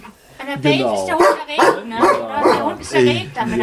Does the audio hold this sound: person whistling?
no